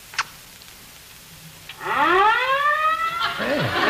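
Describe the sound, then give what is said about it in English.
A loud fire engine siren wails very close in the street outside, its rising and falling harmonic tones sweeping upward over a few seconds, preceded by a brief click and a faint earlier knock. “Can't you hear them? Hear what? The fire engines.”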